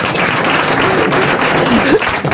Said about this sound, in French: Ça t'applaudit, ça, hein.